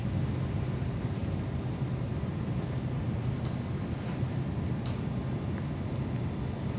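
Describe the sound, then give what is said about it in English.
A deep, steady rumble of thunder from a storm, heard at the station, rolls on without a break, heavy in the low end and fairly loud, with faint high chirps flickering now and then above it. “Hearing some of the thunder here at the station too.”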